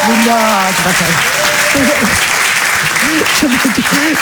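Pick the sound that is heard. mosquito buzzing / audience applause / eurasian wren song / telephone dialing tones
audience applause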